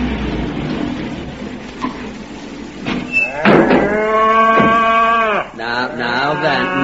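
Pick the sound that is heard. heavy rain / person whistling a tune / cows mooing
cows mooing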